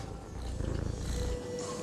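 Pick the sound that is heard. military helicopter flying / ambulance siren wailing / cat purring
cat purring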